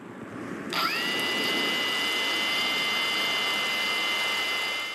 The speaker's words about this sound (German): Der Soldat schaltet die Drohne ein und los geht's. Es ist eine gute Arbeitsdrohne, genau das, was wir momentan an der Front brauchen, weil dies eine völlig neue Art von Krieg ist. Drohnen sind die Zukunft.